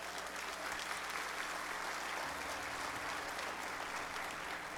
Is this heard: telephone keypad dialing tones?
no